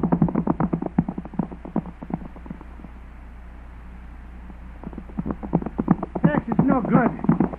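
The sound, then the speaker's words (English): Rapid, rhythmic clip-clop of galloping horses as a man rides off on his horse and a group of riders gives chase, muffled and boxy like an old recording. The hoofbeats drop away into a low rumble midway, then return louder and busier. “Hey, and he's getting on his horse. He's seen us. There he goes riding off.”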